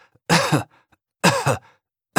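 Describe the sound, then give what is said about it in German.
A boy gives short, forced coughs on a pediatrician's command during a stethoscope chest examination: three evenly spaced bursts about a second apart, each loud and breathy with a quick double push, the last one cut off. “Und jetzt husten, sagt er.”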